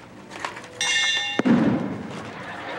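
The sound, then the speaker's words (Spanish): A bright, sustained ringing tone gives way to a single loud, sharp hammer blow with a dull, low thud trailing after it. No one speaks. “Sí, pero tú me diste el martillazo.”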